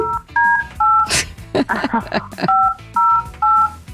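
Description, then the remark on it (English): A quick series of about six dual-pitched telephone keypad beeps, evenly spaced and fairly loud, with a short burst of speech breaking in partway through the dialing. “Let me get the devil on the phone here.”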